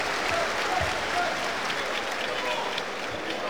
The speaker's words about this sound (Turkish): Alkışlar Omori için.